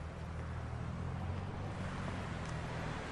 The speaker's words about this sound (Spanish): Jackie avanza un poco para ver cómo se aleja el auto de la casa.